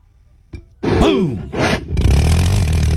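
A loud engine-like noise from a device: a sharp click, then whirring revs that sweep up and down in two bursts before settling into a steady, rumbling drone with a low hum.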